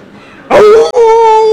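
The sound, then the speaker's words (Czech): A person imitates a jackal's howl in answer to the question of how a jackal howls: a sudden, loud, sustained wailing tone with a steady pitch, briefly breaking midway before carrying on, following a moment of near silence. “Ne, to bylo správně, soudru zavil správně jako šakal.”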